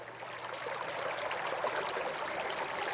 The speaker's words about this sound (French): Et donc voilà, on va s'imprégner de l'ambiance, de l'atmosphère de ce lieu. Et vous entendez des bruits d'eau, parce que de cascades il s'agit bien sûr.